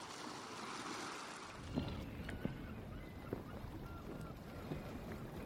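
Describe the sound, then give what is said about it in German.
Steady wind and water wash around a ship drifting at sea, not at anchor, with faint creaks and knocks of the hull recurring every second or so beneath the broad, continuous rush. “Sie ließen sich und ihr Schiff höchst verantwortungslos treiben und sangen ihr Lieblingslied.”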